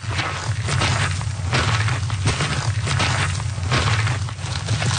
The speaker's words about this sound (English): The sound of boots on a trail, something our next guests are very familiar with.